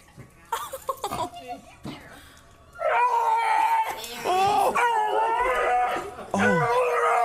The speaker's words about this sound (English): This dog is at a vet and is being released to its owner and dogs make weird noises sometimes when you come home. This one does, too. But it sounds like a TIE fighter.